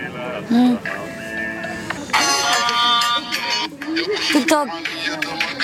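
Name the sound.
phone ringtone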